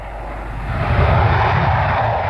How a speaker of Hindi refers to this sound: एक फौगा विमान जो यूनाइटेड नेशंस की जमीनी सेनाओं को लगातार परेशान कर रहा था, उसको शांत करना बहुत जरूरी था।